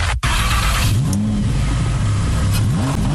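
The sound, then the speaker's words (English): A loud luxury Lamborghini supercar engine, belonging to a driver from Staten Island, revs hard, its pitch sweeping upward in a couple of surges over a constant deep rumble, with no voices present. “That is not just the sound of a luxury Lamborghini's engine revving.”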